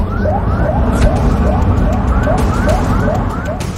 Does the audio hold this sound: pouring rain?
no